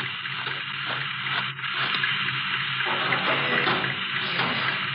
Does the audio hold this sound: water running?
yes